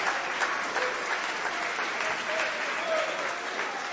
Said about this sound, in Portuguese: Quantas pessoas, meus irmãos, pode bater mais forte as palmas para Jesus?